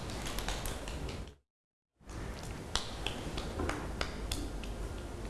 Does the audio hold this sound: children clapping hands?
yes